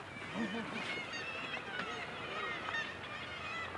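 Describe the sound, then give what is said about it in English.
A kittiwake colony calls from the sea cliffs: many overlapping, nasal seabird cries blend into a dense, continuous chorus that stays steady and fairly loud throughout. “And this is Kittiwake Village.”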